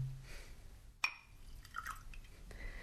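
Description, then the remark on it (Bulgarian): A quiet pour of wine into a glass: a sharp glassy clink, then soft liquid gurgles and trickling. No voices. “Чашата е празна, сипете ми вино.”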